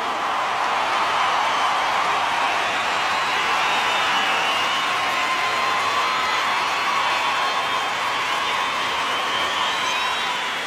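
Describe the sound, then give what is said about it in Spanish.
A crowd applauds and cheers steadily for a mariachi for about ten seconds, a dense, loud wash of clapping with scattered whoops and shouts rising above it, and no one speaking. “Un aplauso para este gran mariachi.”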